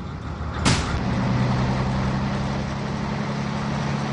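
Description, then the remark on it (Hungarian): A sharp hiss like an air brake release, then a bus engine settles into a steady, droning rumble with broad road noise as the bus drives away, staying fairly loud and constant. No voices. “Két piros lámpa szem van az autóbuszon, ami egy cseppet sem kisebb, pedig csak összép szalad.”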